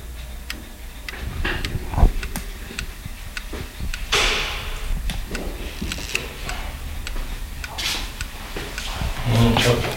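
Many clocks tick at once in a watchmaker's workshop in an irregular, overlapping patter, with sharp clicks scattered throughout, and low murmuring voices and handling noises underneath.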